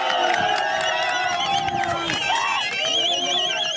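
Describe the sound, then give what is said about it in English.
A crowd of residents of Adigrat, Ethiopia, cheers and shouts in the streets as Ethiopian forces patrol, with many overlapping voices, whoops and high ululating calls, loud and continuous throughout. “This video footage shows residents of Adigrat cheering as Ethiopian forces patrol the streets.”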